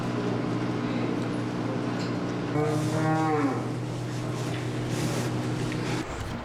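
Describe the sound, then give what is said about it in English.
Dairy cows moo on a dairy farm of about 1,400 cows in Hokkaido, Japan, one loud, drawn-out moo rising clearly around the middle over a steady low machinery hum, with fainter lowing from other cattle in the background. “This dairy farm in Hokkaido has about 1,400 cows.”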